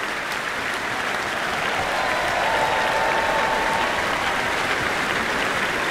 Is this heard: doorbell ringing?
no